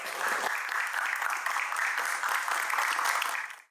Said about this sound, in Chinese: 好，给三位回答的掌声好吧。